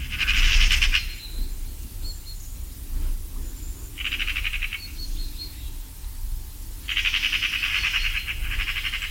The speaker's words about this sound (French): Et puis, évidemment, le geai que tout le monde connaît, un cousin de la pie, c'est un corvidé.